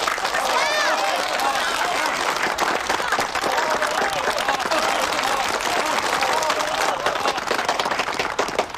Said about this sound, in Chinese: 今天是个好日子，一对新人在这个明媚的夏天即将喜结连理，让我们以热烈的掌声祝贺他们。